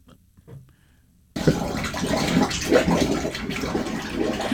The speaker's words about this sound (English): Water was coming up through the actual shower head and shower, and it was just going through the rooms. It was leaking out the doors. It was awful.